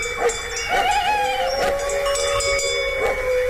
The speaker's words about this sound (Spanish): Lejos, no era un peligro. Sí, está lejos, pero ladra el perro ya avisando.